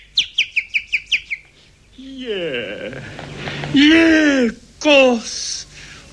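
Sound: eurasian blackbird singing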